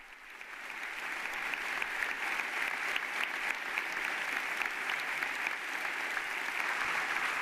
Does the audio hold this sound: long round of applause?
yes